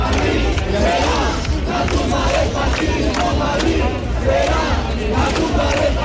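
A large crowd of protest campers at the Sol camp chants together in response to insults, a loud, steady roar of many voices rising and falling in a rhythmic pulse that fills all six seconds.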